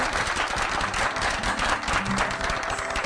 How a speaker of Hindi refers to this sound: तालियां बजाइए।